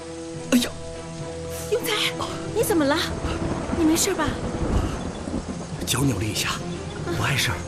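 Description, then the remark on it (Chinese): Low, rolling thunder rumbles steadily beneath a wash of rain-like noise, while voices call out and exclaim in short bursts over the storm. “要下雨了，快点，快，咱们走吧。”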